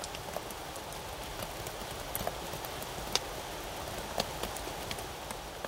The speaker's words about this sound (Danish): En begyndelse, der starter til lyden af regn over Rio de Janeiro.